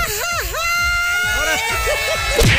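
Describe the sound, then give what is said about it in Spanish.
A woman lets out a loud Mexican mariachi grito, a high warbling shout that swoops up and down in pitch for about two seconds over faint crowd murmur. “échese su grito mexicano.”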